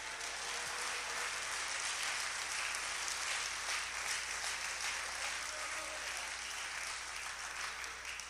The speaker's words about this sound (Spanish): ¿Cuánto le da un aplauso a Él en esta hora?